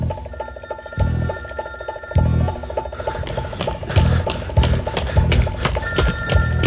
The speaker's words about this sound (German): Beim nächsten Klingeln hätte ich aufgelegt.